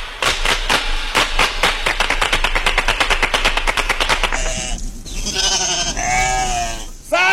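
sheep bleating

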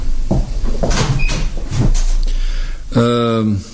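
door being closed

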